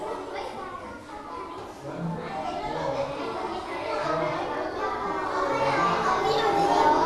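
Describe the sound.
Several small groups of children practice singing a song at once, each group facing inward toward its own members, their overlapping young voices forming a dense, steady chorus that grows a little louder toward the end.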